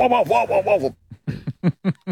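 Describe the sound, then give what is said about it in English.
A man's voice mimics how his own dog sounded during an interview, starting with a quick run of wavering yelps, then a short pause and four short, punchy barks in steady succession, fairly loud. “And here is him imitating the sound of his own dog during the interview.”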